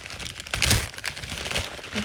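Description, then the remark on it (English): Papery crinkling and rustling with irregular crackles and a louder burst in the middle, gift wrapping paper being handled and folded as presents are wrapped in a house basement in the middle of the night, with no voices. “I'm like, these nincompoops are rapping my gifts.”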